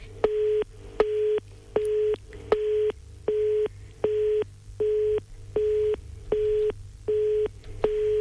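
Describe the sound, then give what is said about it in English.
A telephone ringing tone on an outgoing call from the Hunters and Yarn FM radio show to a listener who won that week, going unanswered: a steady mid-pitched beep repeating in short, evenly spaced pulses, about eleven in a row, clear over a faint low hum, with no talking. “It's ringing. It's ringing.”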